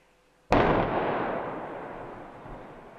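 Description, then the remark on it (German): A single loud explosive blast cracks out after a moment of quiet, followed by a long, heavy rumble that slowly fades. It is the second, unplanned afternoon detonation demolishing a section of the Ottfingen valley motorway bridge in the Sauerland. No voices are heard. “Am Nachmittag, mit dem zweiten Wumms, war das Teil dann aber endgültig Geschichte.”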